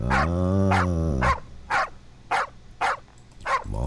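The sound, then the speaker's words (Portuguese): Dogs barking: a long, drawn-out baying bark gives way to about five sharp, loud barks spaced in a quick, uneven rhythm, with no talking. “Vamos acordar, cachorrado.”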